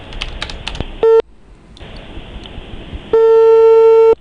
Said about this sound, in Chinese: 您好，您拨打的用户正在通话中，请稍后再拨。The subscriber you dialed is busy now. Please redial later.